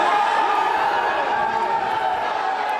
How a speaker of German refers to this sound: Jubelszenen vor einem Gerichtsgebäude in Los Angeles.